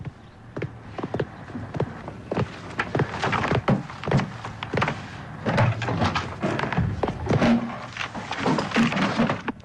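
Someone at home rummages through books in a drawer, turning them over while searching for something: a continuous run of irregular thumps, knocks and papery shuffling with wooden clunks scattered throughout, fairly loud and with no voices.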